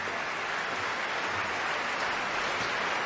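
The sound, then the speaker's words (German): Sustained audience applause at the curtain call of the opera Nabucco, as the red curtain has closed and all the performers come back onto the stage: a dense, steady wash of many hands clapping at an even level throughout, with no voices standing out. “Jetzt ist der rote Vorhang zugegangen und alle Beteiligten kommen jetzt noch einmal auf die Bühne und werden vom Publikum gebührend empfangen.”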